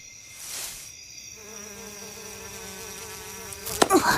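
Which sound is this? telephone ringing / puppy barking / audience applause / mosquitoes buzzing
mosquitoes buzzing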